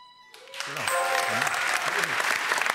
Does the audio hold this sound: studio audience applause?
yes